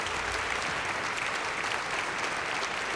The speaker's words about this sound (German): Und ihr gebt doch einen Applaus für den Assistent.